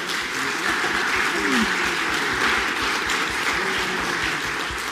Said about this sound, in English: Congregation, let's clap and welcome Juliet.